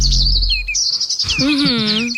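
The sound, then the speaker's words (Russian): Birds chirp and tweet continuously in bright, high-pitched bursts, several calls overlapping, with a low rumble underneath early on and a lower warbling whistle joining toward the end. “Особенно приятно, когда ты в феврале приходишь и говоришь: ребят, вы слышали птички? Так птички это правда.”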